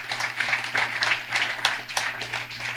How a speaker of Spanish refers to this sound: Fuertes los aplausos y a los coros también. A los coros del Hijo de Cristo y el coro aquí también, el coro actual. Fuertes los aplausos, hermanos.